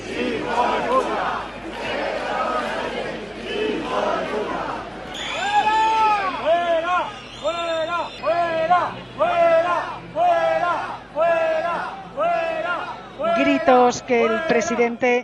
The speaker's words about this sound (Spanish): Abucheos e insultos contra Pedro Sánchez, como viene siendo habitual desde que es presidente, cuando ha llegado hasta la plaza de Cánovas del Castillo.